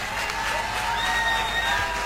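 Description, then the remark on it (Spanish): An audience on the show La Voz applauds for Gerardo Vargas in a steady, dense wash of clapping that stays loud and even throughout, with faint cheering tones mixed into the crowd noise. “Yo quiero que brinden un fuerte aplauso para este señor que está acá en La Voz.”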